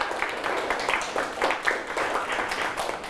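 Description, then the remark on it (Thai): Classmates clap for a fellow student after a class presentation on eating goals, a dense patter of many overlapping hand claps at moderate volume for about three seconds with no talking over it. “โอเคปรบมือให้เพื่อนครับ”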